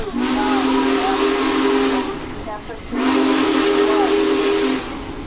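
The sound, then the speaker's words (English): The whistle of a Big Boy steam locomotive, blown by a rider on board, sounds twice, each long, loud blast about two seconds with a steady harmonic tone over rushing steam hiss, a brief dip between them. “Oh, he's going to let me blow the whistle here.”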